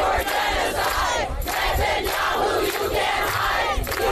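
A large crowd of pro-Palestinian activists in the streets of New York, while Israel's prime minister is at United Nations headquarters, chants slogans such as "Netanyahu criminal, you can't hide" loudly in unison, many voices shouting together in a steady rhythmic cadence with repeated swells, filling the whole clip without pause.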